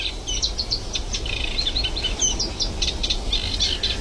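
A Eurasian reed warbler sings in the morning in the Kleine Gelderse Waard, a continuous, scratchy chattering song of rapid repeated notes, over a steady low rumble of background noise with no voices.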